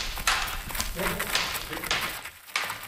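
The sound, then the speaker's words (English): The hooves of two war horses, Flavy and Toad, clip-clop in a quick, irregular series of hollow knocks at Academy Cavallo, a school for historical mounted combat in Langley, British Columbia, with indistinct voices murmuring in the background. “Here she introduces two of her war horses, Flavy and Toad.”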